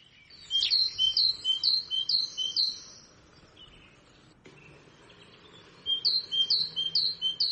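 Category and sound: bird, great tit song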